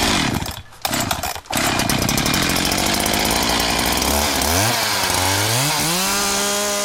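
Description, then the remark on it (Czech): A gasoline chainsaw, the strongest one on hand and weighing 8 kilos, roars loudly, its engine briefly dipping twice, then revving with rising and falling pitch as the throttle is worked. No voices are heard. “Tak, tohle to je akupila a tamhle to je benzínová pila.”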